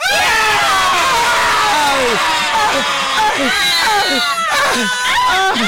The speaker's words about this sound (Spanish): Ya, basta. Ese grito fue por todos ustedes. Por ustedes.